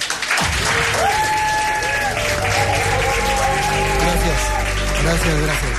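An audience bursts into steady, close applause that fills the whole stretch, with a bright musical tune rising and sustaining underneath the clapping.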